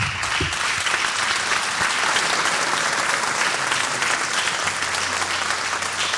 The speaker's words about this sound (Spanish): Un fuerte aplauso